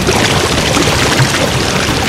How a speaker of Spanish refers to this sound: Así sonaba el caudal del río Las Ceibas hace 50 años.